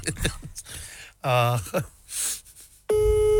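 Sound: telephone call tone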